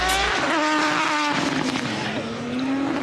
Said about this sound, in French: Là, je suis juste au bord de la côte, de la route de la course de côte. Et regardez le monde qu'il y a, qui s'est amassé pour admirer tous les bolides qui passent à fond. Là, les motos.